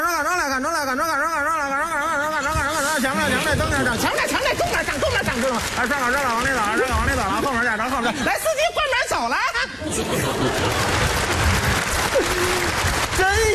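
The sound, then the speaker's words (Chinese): A voice performs a warbling, exaggerated imitation of a Beijing female bus conductor's muffled stop announcement over crowd noise, then a burst of loud, steady audience applause with scattered laughter fills the last few seconds. “凡是鼓掌的 啊， 都是坐公交来的。”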